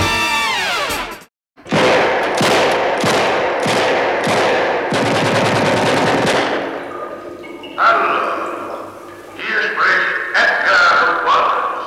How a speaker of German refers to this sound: Schüsse von Edgar Wallace, die unterhalten die deutschen Fernsehzuschauer im Jahr 1961, hier diesmal bereits zum achten Mal mit dem Fälscher von London, mit Siegfried Lowitz als Oberinspektor Burke, mit Helmut Lange als den Millionenerben Peter Clift